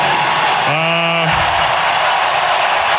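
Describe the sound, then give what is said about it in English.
A steady, loud roar of an arena crowd cheering for the player Bussy at a Stanley Cup playoff hockey game, with one voice letting out a sustained whooping yell over the din for about half a second early on. “Yeah, I mean, the crowd loves Bussy, right, guys?”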